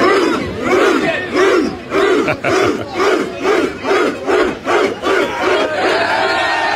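A large crowd of England football fans celebrating a win in London chants loudly in unison, voices rising and falling in a steady repeated rhythm of shouted syllables, with a constant roar of cheering underneath.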